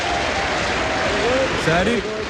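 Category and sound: crowd, studio audience applause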